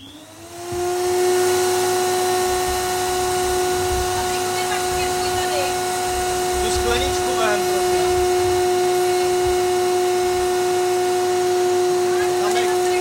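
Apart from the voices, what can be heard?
vacuum cleaner running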